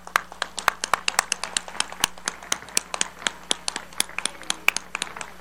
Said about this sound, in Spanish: Aplaudido y abrazado el diputado Alessandrero, entonces se cierra la sesión y queden pendientes para convocatorias a nuevas sesiones.